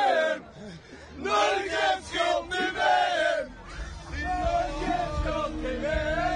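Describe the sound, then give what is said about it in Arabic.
A stadium crowd of Ecuadorian and Norwegian football fans chants and yells in unison, loud rhythmic surges of many voices rising and falling, with a sustained roar underneath and no single voice standing out. “مشهد رائع، سأعود إليكم بهذا المشهد الجميل بالجماهير الإكوادورية والجماهير النرويجية.”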